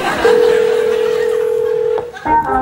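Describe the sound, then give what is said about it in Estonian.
A steady, unbroken telephone tone holds one mid pitch for almost two seconds, then cuts off and is followed by a brief higher-pitched tone and some faint background noise, as a call is forwarded to the police. “oodake hetk , kõne suunatakse edasi politseile .”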